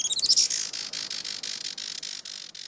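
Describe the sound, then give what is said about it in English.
A Juan Fernandez firecrown hummingbird gives a quick burst of thin, high chirps, then settles into a steady string of rapid, sharp squeaky notes, clear with no voices. “Today, conservationists with Oikonos ecosystem knowledge are working to restore the island's native forests and to ensure a bright future for the Juan Fernandez firecrown.”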